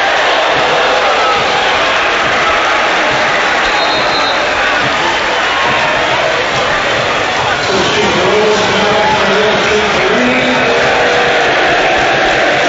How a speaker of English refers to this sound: Mulroney coming off for Shamrock Rovers. The home fans applaud him off. The away fans, not so much.